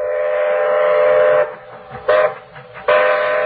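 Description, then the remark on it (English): A train whistle blows one long, loud, steady blast, then two shorter toots follow after brief pauses, with faint rumbling of the train underneath and no voices. “You'll have to take the train to Niagara Falls and stop him yourself.”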